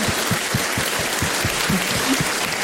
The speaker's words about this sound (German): Also ich möchte mich auch, das ist dein Applaus